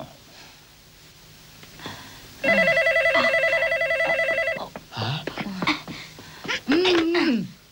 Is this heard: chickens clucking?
no